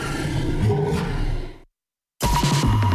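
A loud, deep dinosaur roar rumbles for over a second and trails off, then after a brief silence a second powerful roar bursts in abruptly. No one speaks.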